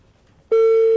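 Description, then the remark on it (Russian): A loud, steady mobile phone ringback tone, on a call placed by the radio station Asia Plus, begins abruptly after a half second of near silence and holds a single unwavering mid pitch to the end, with no talking over it. “Да, довольно бодрый такой громкий гудок, я бы сказал.”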